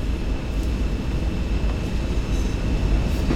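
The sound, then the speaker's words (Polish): A steady, heavy mechanical rumble of a locomotive rolling slowly through a railway station toward the switches, deep and continuous with a faint high whine above it, with no voices. “Przejeżdżam przez stację, zatrzymam się za rozjazdami, zaczekam aż mi poda drogę i znowu będę się wracał i ten.”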